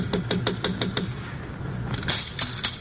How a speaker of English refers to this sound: Hey, wait a minute. Sounds like somebody's knocking on her door.